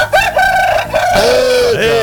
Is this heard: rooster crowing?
yes